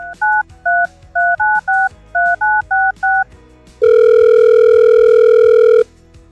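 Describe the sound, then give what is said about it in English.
A quick string of about ten touch-tone beeps as a phone number is punched in at Cincinnati radio station Warm 98.5 to call a listener, followed by a loud, steady electronic ringing tone that holds for a couple of seconds before cutting off. “Hope you got your phone ready because I'm calling.”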